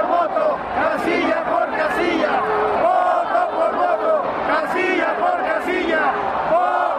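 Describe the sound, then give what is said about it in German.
A huge crowd of about one million protesters on the Zócalo in Mexico City, supporting Andrés Manuel López Obrador, chants and shouts together in loud, sustained waves of voices, with rhythmic surges and no single speaker standing out from the roar. “Eine Million Menschen folgte vergangenen Sonntag seinem Aufruf und protestierte auf dem Zócalo in Mexiko-Stadt.”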